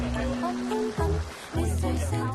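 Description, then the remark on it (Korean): Paella bubbles and simmers in a pan with a steady, watery gurgling texture, while voices and humming tones run on top of it throughout. “그러는 사이 보글보글 맛있는 소리가 들립니다.”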